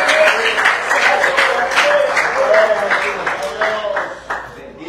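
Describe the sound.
Half-hearted applause while praising God: scattered, uneven claps with little energy, continuing steadily for several seconds while voices speak over them.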